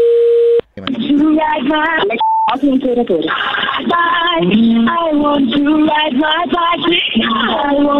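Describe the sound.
Loud, tinny telephone hold music, a harshly distorted rock song with a singing voice, preceded by a steady beep tone and broken briefly by another short higher beep.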